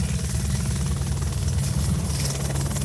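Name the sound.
helicopter cabin noise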